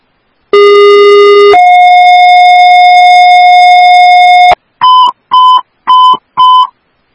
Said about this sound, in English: Woodbury Station 3F, these are the tones for the BLS medical alarm with no contact made at Summit Orthopedics, 2090 Woodlands Drive, and Woodbury time is 11:09.